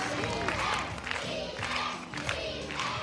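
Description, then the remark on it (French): A dense crowd at the Miss and Mister Maison de Retraite pageant roars and cheers loudly and continuously as candidates parade before the jury, voices overlapping in a sustained wall of excited shouting with periodic swells of energy. “Chacun leur tour, les candidats défilent ainsi devant le jury et la foule en délire.”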